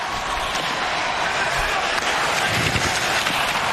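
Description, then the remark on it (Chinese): A steady, loud roar of a large crowd of spectators in the stands at an ice hockey game, shouting and cheering, a dense unbroken wash of voices with no single speaker standing out and no pauses. “现场观众席的这个呐喊声对于球队来讲真的是撞声势。”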